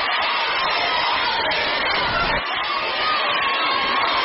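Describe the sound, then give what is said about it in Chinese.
A large audience cheers and shouts for crosstalk performers Yue Yunpeng and Li Chen as they introduce themselves, a loud, dense roar of voices that holds steady for about four seconds with a brief dip midway and no distinct speech. “哎，我这呼声好像比你有点高啊。”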